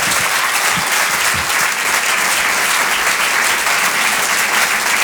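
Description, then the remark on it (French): An audience applauds steadily as comedian Julie Bargeton is introduced live on Rire et Chanson, a dense wash of clapping that stays loud and even for the whole stretch, with no voices standing out. “Je vous demande de l'encourager et de l'applaudir très chaleureusement.”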